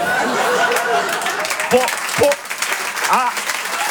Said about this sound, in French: Applaudissez pas trop, je vais avoir des problèmes.